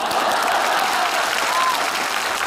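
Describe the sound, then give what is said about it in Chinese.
Steady, dense applause from an audience fills the whole stretch, many hands clapping at once at a constant, fairly loud level with a faint crowd murmur underneath. “你还非得大伙给你鼓掌啊？”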